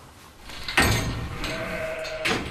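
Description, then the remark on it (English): A newborn lamb, just born in the middle of the night, bleats in a couple of wavering, reedy cries, loud and high-pitched, with a steady hum and faint background noise underneath. “So it's the middle of the night, and there's been a lamb I just saw on the CCTV camera that's just been born here.”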